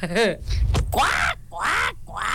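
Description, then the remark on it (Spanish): A child's voice imitates a duck, giving a few loud, nasal quacks in quick succession, with a brief pause between bursts. “Un pato. Pues sí, un pato.”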